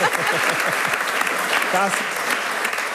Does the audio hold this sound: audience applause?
yes